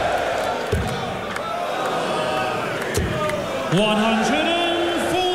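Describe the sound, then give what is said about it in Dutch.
A large darts crowd jeers and boos player Ross Smith, a dense, loud wall of voices with whistles and a swell of sustained booing toward the end. “Ja, ook Ross Smith krijgt met het publiek te maken.”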